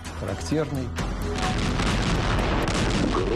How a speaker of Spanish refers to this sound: El ruido de disparos de artillería anunció al pueblo soviético la liberación de la antigua ciudad de Kiev.